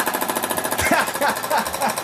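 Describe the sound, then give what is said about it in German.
A jackhammer pounds away in rapid, steady bursts, a harsh rattling hammering that runs throughout, with a voice speaking partway over it. “Ist das ein Specht oder ist das ein Presslufthammer? Eindeutig ein Specht, ja. Genau, Presslufthammer.”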